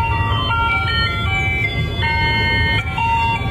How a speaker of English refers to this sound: The ice cream truck pulled into the street. Kids come running out of the houses.